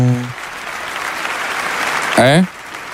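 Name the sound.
applause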